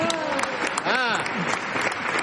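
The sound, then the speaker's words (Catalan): A live audience at a special 10th-anniversary show of the Tot Costa programme is urged to applaud more. The applause is a steady, dense wash of clapping that stays loud throughout, with a voice speaking over it and rising in pitch partway through. “Aplaudiu més, home!”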